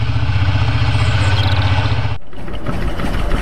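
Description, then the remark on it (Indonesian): A motorcycle engine idles with a steady, throbbing hum for about two seconds, then cuts abruptly to a rougher, rumbling engine sound; the motorcycle belongs to the rider's father and is being ridden to a café. “Setelah ia berdialog dengan temannya Andi di warung kopi, ia pun pergi dan tiba-tiba temannya Buyung memanggilnya saat hendak ke kafe dengan mengendarai sepeda motor milik bapaknya.”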